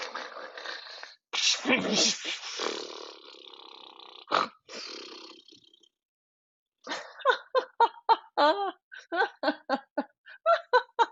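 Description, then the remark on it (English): A voice imitates loud, exaggerated snoring with several long, rasping, rumbling breaths, followed after a pause by a quick run of rhythmic, bouncy laughter. “And then, continuing on the charade, he lay down in bed, and after a little while, let his eyes drift closed and started up a fake snore.”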